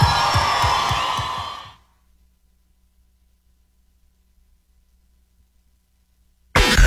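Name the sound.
audience applause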